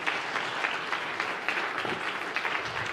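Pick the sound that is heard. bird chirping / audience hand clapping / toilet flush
audience hand clapping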